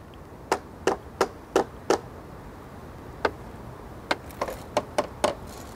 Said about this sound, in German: Mit dem Hammer kann man hören, ob was los ist. Wenn man jetzt zum Beispiel den kleinen Bolzen hier schlägt, dann würde man das hören am Geräusch. Genauso ist es auch der große hier. Da würden dann die Scheinen klingeln oder es wäre etwas heller.